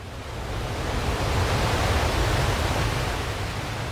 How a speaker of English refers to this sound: And then on the spring tide, the storm was pounding. I could not hear anything except the beating tumult of the waves pounding themselves against the fallen trees and the eroding dunes.